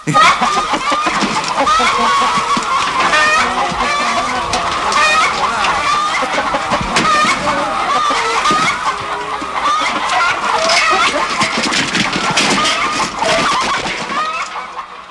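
A crowd of hens clucks and squawks nonstop, loud, their overlapping cackles forming a dense, agitated chorus from start to finish.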